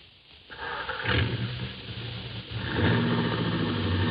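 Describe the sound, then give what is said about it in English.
A car engine catches and rumbles, then surges into a louder, rougher rev partway through and keeps droning steadily to the end. “And as you hurry downstairs to your own car, you know that if two and two make four, your first job is to stop a murder.”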